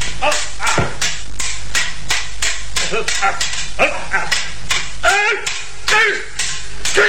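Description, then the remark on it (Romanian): A dog barks repeatedly and loudly amid a busy, noisy scene, with raised voices and scuffling sounds mixed in throughout. “Câine blestemat!”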